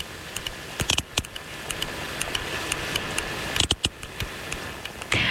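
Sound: sperm whale clicks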